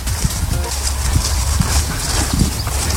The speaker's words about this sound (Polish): To jest koń, na którym uczy się pani jeździć.